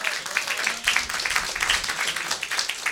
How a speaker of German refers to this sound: Und wir geben einen Motivationsapplaus für den, der am meisten heute tun muss.